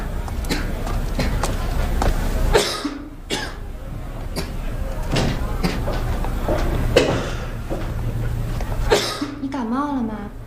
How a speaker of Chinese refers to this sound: 一直咳嗽， 没事儿，没小毛病了。 你脸色都不太好了，都烫手了，你发烧了？